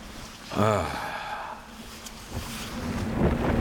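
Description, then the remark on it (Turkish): Wind-driven sleet in the Arctic winter hisses and rushes steadily against a microphone, picking up speed and gusting slightly louder toward the end, with a short breathy vocal sound near the start. “Şimdi de sulu kar yağıyor. Hızını artırıyor.”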